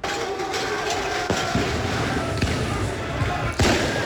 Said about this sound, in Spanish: Pero también hubo un grupo importante de gente que salió a protestar con la policía, y así se escuchaba la calle solo ahí en París.